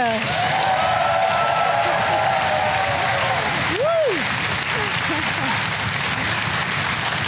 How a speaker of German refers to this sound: Begrüßen Sie mit einem großen Applaus Andreas Kuhlage.